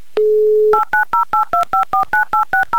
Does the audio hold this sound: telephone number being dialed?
yes